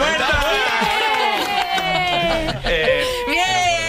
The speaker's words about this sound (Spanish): De nuevo, el aplauso ya inquietante, era.